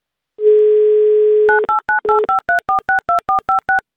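A steady, continuous dial tone hums for about a second, then gives way to roughly a dozen quick, evenly spaced touch-tone beeps as a radio show dials a listener in the Moscow region, with no voices.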